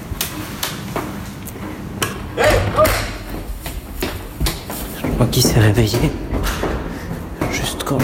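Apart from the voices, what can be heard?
door being slammed shut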